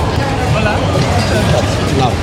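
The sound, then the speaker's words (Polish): A steady wash of crowd hubbub at the airport in Málaga, many overlapping voices blurring into a constant murmur at even loudness, with faint higher chatter flickering through. “Po dźwiękach słyszę, że to już chyba jest lotnisko.”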